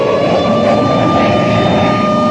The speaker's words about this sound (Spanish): Y despegaban de las pistas en medio de un ruido ensordecedor.